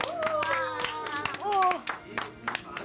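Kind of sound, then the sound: crowd, audience applause of encouragement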